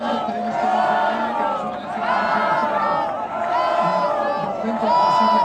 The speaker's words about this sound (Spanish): Con España ya en la gran final y con esta ovación a Pedro Porro, convertido en uno de los nombres propios del Mundial, la celebración anoche tuvo un sabor especialmente extremeño.